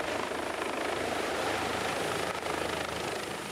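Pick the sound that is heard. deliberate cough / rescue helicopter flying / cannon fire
rescue helicopter flying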